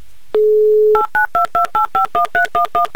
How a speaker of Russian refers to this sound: Итак, Юлия, я набираю ваш номер телефона повторно.